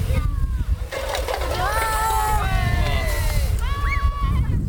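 A steady, rushing hiss of water spraying from a fire hose nozzle, turned open after the command 'Wassermarsch' (water on), runs without a break, while several voices, some sounding like children, talk loudly over it.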